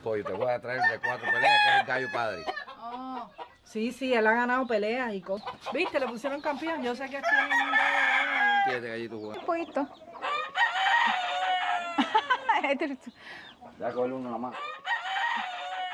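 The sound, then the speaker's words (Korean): A fighting rooster on a farm, one used in cockfighting, crows repeatedly in long, strained calls, mixed with agitated clucking from chickens, the sounds overlapping loudly across the whole stretch. “닭싸움에서 1등 안에 4년 차.”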